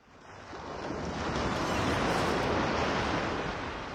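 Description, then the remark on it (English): Broad, rushing surf swells up and holds steady, waves washing onto a shore on the remote, treeless islands of Orkney, Scotland, with wind gusting across the microphone, loud with no voices. “It just felt like a really big piece of natural sea. There's no trees, it's just sea.”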